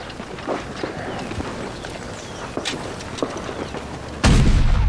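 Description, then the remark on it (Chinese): Artillery cannon fire thuds repeatedly in scattered, irregular bursts over a rumbling battlefield backdrop, then a much louder blast erupts near the end and roars on without any talking. “参谋长，有炮声。”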